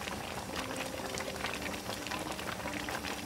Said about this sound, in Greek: Οπότε τώρα είμαστε, όπως βλέπετε, στο βράσιμο.